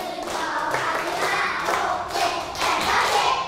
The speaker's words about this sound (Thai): ป.1ปรบมือแบบพี่ประถม2ครั้งปรบมือแบบพี่ประถม4ครั้งปรบมือแบบพี่ประถม9ครั้ง